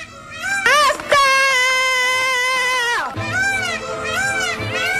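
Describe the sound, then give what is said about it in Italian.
A loud, high-pitched scream of exasperation, strained and wavering for about three seconds, breaks off and then carries on as a rougher, quieter wail. “Un vero urlo di esasperazione.”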